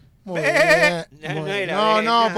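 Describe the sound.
A person imitates a sheep with two drawn-out, wavering bleats, the second following a brief pause; the voice is fairly loud, with no other sounds.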